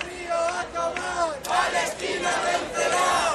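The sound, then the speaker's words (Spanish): Thousands of people at a morning Palestine solidarity rally in the Alameda de Santiago chant slogans in unison, such as "Palestina vencerá" and "que viva la lucha del pueblo palestino", many voices rising and falling together in loud, rhythmic shouted phrases that continue without a break. “Al grito de Palestina vencerá y que viva la lucha del pueblo palestino, miles de personas se concentraban esta mañana en la Alameda de Santiago para reclamar”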